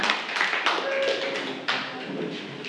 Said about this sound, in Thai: ปรบมือให้กับกลุ่มที่2ของเราค่ะขอบคุณค่ะ